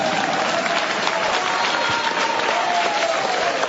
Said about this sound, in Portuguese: Aplauso forte para Jesus.